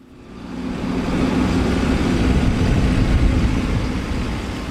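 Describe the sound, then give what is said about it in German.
A heavy yellow tractor rolls over muddy ground in Poland near the Kaliningrad border, a star-shaped concrete tank barrier hanging by a chain from its front loader. Its deep, continuous engine drone swells in after a quiet start and holds loud throughout, with a rough, grinding texture and no voices. “Ein gelber Traktor rollt über schlammiges Gelände.”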